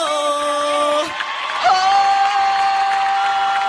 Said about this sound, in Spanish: Gracias, aplauso.